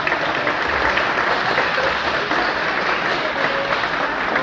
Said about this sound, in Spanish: Estamos de manteles largos, tenemos al presidente del Congreso, Guillermo Memo Ramírez, diputado del Distrito 21, un aplauso por favor.